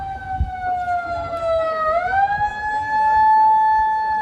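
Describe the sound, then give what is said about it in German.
A siren suddenly wails loudly and steadily at a public swimming pool on its opening day, its pitch dipping and then rising again in a long sweeping tone, with a low rumble of background noise underneath. “Ob die Sirene, die plötzlich losheulte, das offizielle Startsignal fürs Anbaden war, weiß man nicht.”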